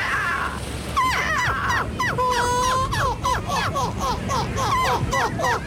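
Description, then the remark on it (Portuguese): A voice imitates seagull calls, a loud run of rapid, harsh squawks and yelps repeating almost without pause for several seconds, with a few longer drawn-out cries. “O Campeonato Europeu de Imitadores de Gaivotas voltou a juntar mais de 70 participantes na Bélgica.”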